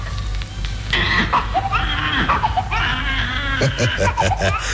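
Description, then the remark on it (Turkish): A newborn baby cries in a Boston hospital in 1906 after the doctor holds it by the ankles and slaps its bottom: shrill, wavering wails, several bursts in a row with brief catches of breath between them, over a low steady hum. “Yalnızca zenginlere özgü hastanede doktor yeni doğan çocuğun ayak bileklerinden tutup poposuna vurunca bebek ağlamaya başladı.”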